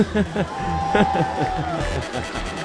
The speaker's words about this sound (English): You may have heard the screams of a young child screaming play ball. Well, we're ready to go. This is a solid Sunday crowd in the final regular season game here at Toyota Field in 2026.